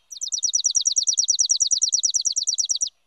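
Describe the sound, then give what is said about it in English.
A chipping sparrow's dry, mechanical trill: a rapid, even series of about thirty identical high chips lasting nearly three seconds, clear with no other sounds. “Songs can also be dry and mechanical, like this chipping sparrow's.”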